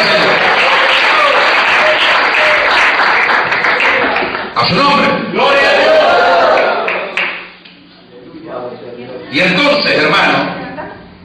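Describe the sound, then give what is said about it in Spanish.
An audience breaks into loud, sustained applause with scattered cheers and voices, the clapping dense for several seconds, dipping briefly, then surging again before fading. “Déjame que se aplaude.”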